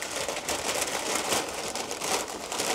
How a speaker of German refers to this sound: Packen wir in die Tüte.